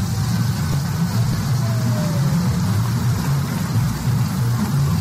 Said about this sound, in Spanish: Otro video lloviendo fuerte en Guadalupe.